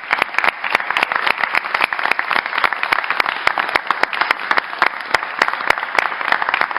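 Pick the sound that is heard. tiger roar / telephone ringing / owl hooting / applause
applause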